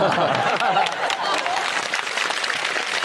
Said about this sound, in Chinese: 你是等我们鼓掌的吧？